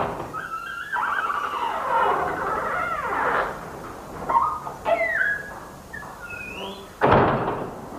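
A back door creaks open with long, wavering squeaks of the hinges, a few smaller creaks follow, then it shuts with a single solid thump near the end. No one speaks.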